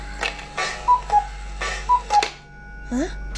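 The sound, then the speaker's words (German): A cuckoo clock hanging above a shelf ticks in an even rhythm, its soft knocks joined by paired short, mid-pitched tones, with a brief rising whine near the end. “Noch während Ben verblüfft zu der Kuckucksuhr aufblickte, die über dem Regal hing”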